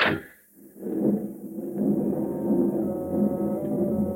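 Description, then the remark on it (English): A steady, heavy rumble of a passenger train bound for Berlin rolling along the rails, with a low droning hum and faint rhythmic clatter, continuous after a brief hiss at the start. “Army intelligence will accommodate you on the train.”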